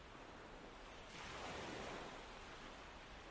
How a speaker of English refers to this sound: You are sitting on a beautiful, deserted beach. The tide is slowly coming in.